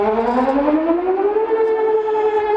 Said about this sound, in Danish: Men ikke desto mindre, så er det vigtigt at kunne høre den her sirene, som er blevet testet i dag. Den første onsdag i maj, der er de her sirener blevet testet siden 1994 hvert år.